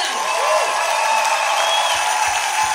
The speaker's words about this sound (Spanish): Levanta un aplauso más fuerte.